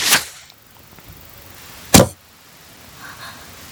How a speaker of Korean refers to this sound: 연희는 지금이 기회라는 생각에 시위에 화살을 매겼다. 그러고는 라투스의 목 부분을 조준하고 화살을 날렸다.